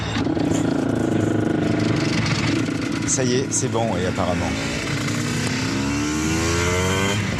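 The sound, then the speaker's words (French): A motorcycle engine catches and revs after the motorcycle is push-started, its droning pitch climbing in repeated rising sweeps, loud and steady throughout while people speak over it. “Lors des départs, quand on poussait la moto avec tous les bruits environnants, le public, plus les 40 motos qui démarraient, on est obligé de regarder un peu le compte tour pour savoir si le moteur avait effectivement bien démarré.”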